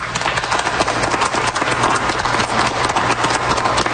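Steady audience applause fills the Atrium of Radio-Canada in Toronto during an open house, a dense crackle of many hands clapping at a fairly even loudness for the whole stretch, with no voices standing out.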